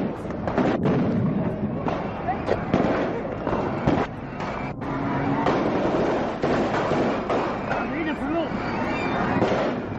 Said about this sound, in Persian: چند سرباز به رهبری خالد اسلامبولی از کامیون بیرون می پرند و جایگاه ویژه را به گلوله می بندند.